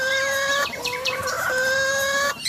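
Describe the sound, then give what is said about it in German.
A male starling imitates a hen's clucking in the mating season: bright, nasal, drawn-out clucking notes with a quick rising flourish in the middle, fairly loud, with no talking. “Es darf auch mal ein Hühnergackern sein.”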